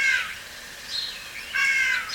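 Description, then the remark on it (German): A starling mimics a crow's caw: two harsh, raspy calls about a second and a half apart, with a fainter, shorter one between them, with no talking. “Hier ist ein Star, der wie eine Krähe ruft.”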